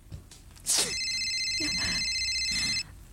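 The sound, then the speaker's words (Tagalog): A cellphone rings with a steady, sustained electronic tone lasting about two seconds, loud, following a brief sharp rustle at the start. “Anay, may natawag akong cellphone.”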